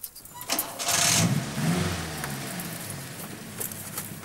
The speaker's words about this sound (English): Now try it with the engine. Start the engine and try to put it in first gear.